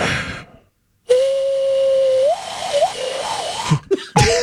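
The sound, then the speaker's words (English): A person whistles an imitation of a pigeon or dove: a steady mid-pitched tone held for about a second, then a few wavering coos, over a breathy hiss. “This is a pigeon dove for you.”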